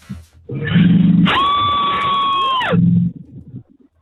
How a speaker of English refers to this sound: Give me your best Hollywood horror scream.